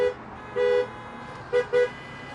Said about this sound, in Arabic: هذا في واقف كذي؟ تكفى طق له هرن يا معود.